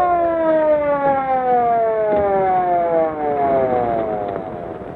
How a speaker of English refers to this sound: Oh, here's the ambulance now.